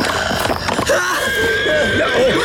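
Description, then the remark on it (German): A startled horse neighs in a shrill, strained cry after a brief burst of scuffling and clatter, the sound loud, with faint voices mixed in. “Du hast mein Pferd und mich beinahe zu Tode erschreckt.”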